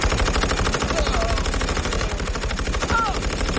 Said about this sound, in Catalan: Els alemanys, que encara no creuen el que veuen els seus ulls, preparen les seves metralladores... Hey. I obren foc.